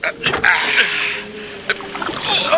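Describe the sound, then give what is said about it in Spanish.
Choppy storm waves on a lake splash and slosh against a small rowing boat being rowed bow-first into them, in steady rough bursts with a few sharper slaps rising above the churning wash. “Vienen las olas. Cortémoslas con la proa. Rememos.”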